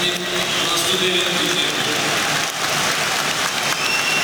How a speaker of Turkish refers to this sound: Kadıköy'de alkışlarla kenara geliyor Elif Elmas.